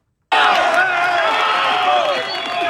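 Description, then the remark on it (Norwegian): A loud crowd erupts suddenly into sustained cheering, shouting and weeping, many voices overlapping and holding steady without pause, as rescuers find a woman alive in the earthquake ruins in Pereira more than a day after the quake. “Det er jo jubel og gråt om hverandre, fordi de klarer å finne folk i live etter over ett døgn.”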